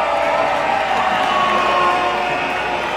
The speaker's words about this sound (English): Big crowd tonight. They're getting loud.